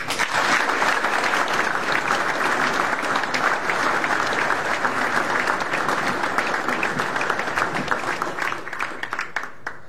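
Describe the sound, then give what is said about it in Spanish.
Sustained, respectful applause from an audience in remembrance of two leaders, a dense, steady wash of many hands clapping for about ten seconds, loud and even throughout, tapering slightly at the very end with no voices. “Y yo les voy a pedir, porque sé que les gustaría, que los recordemos con un respetuoso aplauso.”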